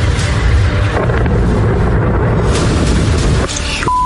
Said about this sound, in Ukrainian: Там гриб прям взорвався у гриб.